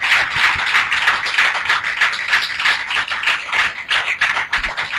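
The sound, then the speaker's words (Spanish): Dense, steady applause for God from an audience at a religious healing service, many hands clapping at once in a continuous bright crackle that holds level throughout without any voices. “¡Otro aplauso a nuestro rey, hermanos!”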